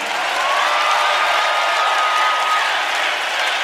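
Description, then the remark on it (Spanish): An audience applauds a band on the Chilean show Patria Nueva, steadily, a dense, even wash of many hands clapping that holds at a strong, unchanging level throughout, with no voices speaking over it. “el aplauso para el ….”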